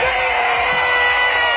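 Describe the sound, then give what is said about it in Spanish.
A huge stadium concert crowd in Chile cheers and screams in a continuous, dense roar, captured on a phone with harsh, saturated sound, with the phone's owner yelling loudly over the crowd. “Bueno, eso pasó ayer en el estadio, como decimos, y el que gritaba era el dueño del teléfono.”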